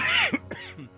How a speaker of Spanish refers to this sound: Aquí sí, con un poco de tos, aquí estoy, pero aquí estoy, vivito todavía para hacer el programa.